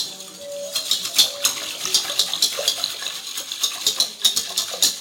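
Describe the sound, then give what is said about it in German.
A utensil scrapes and clinks against a pot in quick, steady strokes as 900 milliliters of water and 2 tablespoons of agar-agar are stirred together, with a faint watery swish underneath. Fairly loud, with no talking. “Dazu gebe ich 2 Esslöffel Agar-Agar, dass das nachher auch eine schöne dicke Wurst gibt, die man schneiden kann. Und das wird jetzt zusammen gerührt und aufgekocht.”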